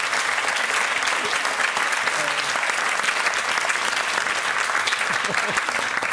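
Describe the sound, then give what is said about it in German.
An applause sound effect: steady, dense applause from a crowd, many hands clapping at once in a continuous crackling wash that stays loud and even for about six seconds, with no voices standing out. “Ich setze mir jetzt einen Applaus.”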